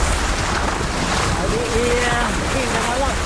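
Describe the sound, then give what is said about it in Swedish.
Steady rushing wind and choppy waves out on a bay where a windsurfer is under way, loud and continuous throughout, with a faint voice briefly audible beneath the noise. “Hur är vågorna beskrivet?”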